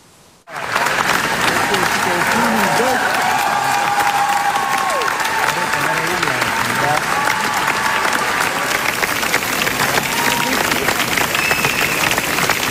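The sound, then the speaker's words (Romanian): Sustained, dense applause from a large crowd, steady and loud for over twelve seconds, with scattered cheers and voices mixed into the continuous clapping: a full hall's standing ovation for director Cristian Mungiu and the cast of the film Fjord after its world premiere at a festival, applause lasting 12 minutes. “O sală întreagă s-a ridicat în picioare pentru Cristian Mungiu și distribuția filmului Fjord, în cea mai lungă sesiune de ovații de anul acesta.”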